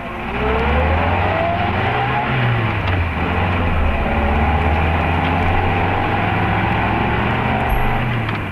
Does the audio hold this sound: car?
yes